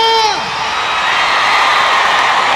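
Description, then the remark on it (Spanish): A loud crowd cheers and applauds, opening with a high whooping cry that slides downward before dissolving into a steady wash of clapping and shouting. “aplauso fuerte”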